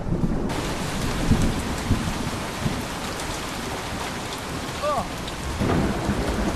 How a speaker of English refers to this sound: I've not seen rain like this in quite a while.